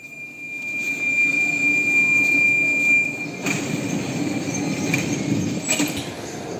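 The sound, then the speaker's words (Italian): A subway train rumbles by, its wheels letting out a steady high-pitched squeal over the low roar, followed by clattering bursts as it continues past. No one speaks. “Vado a vedere chi possiamo trovare un pochettino più in là, oltre la metropolitana.”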